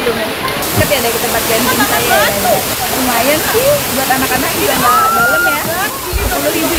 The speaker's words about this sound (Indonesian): Curug atau air terjun cukup tinggi, sekitar 15 meter. Hanya saja aliran airnya tidak jatuh begitu saja, melainkan mengalir deras dari tebingan tinggi ke hamparan kolam yang menjadi spot berenang dan main air yang cukup aman bagi anak-anak.